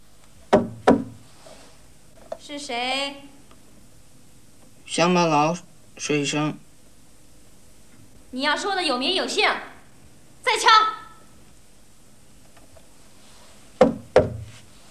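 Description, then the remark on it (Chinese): Two sharp, crisp knocks on a door, then people talking back and forth, and finally another pair of quick knocks near the end. “怎么不敲门呢？乡巴佬，出去，敲门再进来。”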